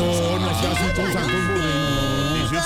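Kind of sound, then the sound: household object, doorbell ringing repeatedly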